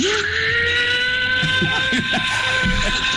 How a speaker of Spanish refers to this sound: Al perro no le gusta el secador.